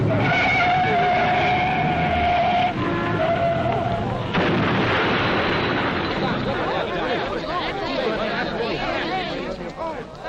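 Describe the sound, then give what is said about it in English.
A car's tires squeal in a high, wavering screech for a few seconds, then a loud crash of two cars meeting from opposite directions on a quiet road erupts into a long, harsh burst of crunching metal and clatter that gradually trails off. “Here comes a car now from one direction, and, uh-oh, here comes Joe from the other.”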